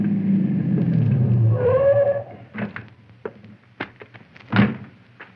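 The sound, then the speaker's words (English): A car engine rumbles as the car comes around a curve, rising briefly in pitch as it pulls up and stops, followed by a scattering of sharp clunks and knocks. “around the curve, I saw Conestoy's car approaching”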